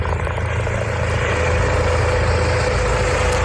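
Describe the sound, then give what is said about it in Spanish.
A steady, loud engine drone of a Guardia Civil mountain rescue helicopter in Asturias, Spain, fills the whole clip, a constant low rumble with a faint whine layered above it and no voices. “Este en concreto es el helicóptero de la Guardia Civil por su última intervención.”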